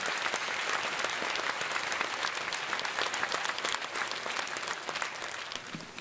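An audience applauds to welcome Heo Min, Administrator of the Korea Heritage Service, to give congratulatory remarks, a dense, even patter of many hands clapping at moderate loudness with no voices over it, tapering slightly toward the end.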